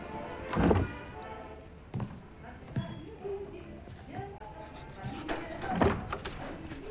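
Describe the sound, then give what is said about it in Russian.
A door opens and shuts with a couple of dull wooden thunks, one early and a louder one near the end, as a man hesitantly shifts about at the door and walks out, with faint shuffling movement in a quiet setting. “Нерешительно потоптавшись у двери, Михаил выходит.”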